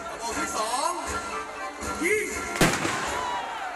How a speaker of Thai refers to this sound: ปืนใหญ่กระบอกที่หนึ่งยิงปืนใหญ่กระบอกที่สองยิงปืนใหญ่กระบอกที่หนึ่ง